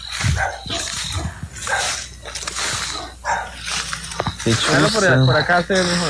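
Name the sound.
owl call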